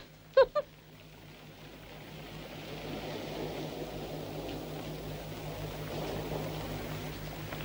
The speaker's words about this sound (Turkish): Bu tekneyle buralarda bir yerlere gideriz ha? Deli misin be, sahibi ne olacak? Yürü diyorum sana. Çalmadık ya, ödünç alıyoruz tekneyi.